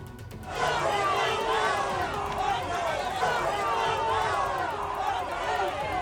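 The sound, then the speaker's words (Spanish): Citizens of Ceuta greet Spanish Prime Minister Pedro Sánchez with shouts, whistles and insults: a loud crowd shouting and jeering continuously, many overlapping voices and sharp whistles cutting through the steady roar after a brief quiet start. “Con gritos, pitadas e insultos han recibido algunos ciudadanos de Ceuta al presidente del gobierno, Pedro Sánchez.”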